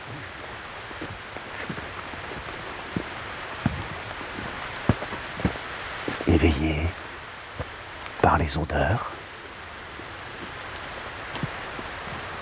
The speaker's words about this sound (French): la pluie, les gouttelettes d'eau, le torrent qui fuit là-bas dans la vallée.